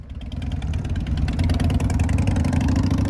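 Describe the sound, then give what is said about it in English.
Motorcycle engines rumble loudly on Canada Street in the village of Lake George during a motorcycle block party, a steady idling throb that swells as the bikes rev, with no voices over the continuous low growl. “Might be a little hard to hear me, considering the competing noise that's going on.”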